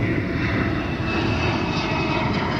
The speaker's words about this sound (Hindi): J-20 चीन का पांचवी पीढ़ी का स्टेल्थ फाइटर जेट है जिसे रडार पर पकड़ना बेहद मुश्किल माना जाता है।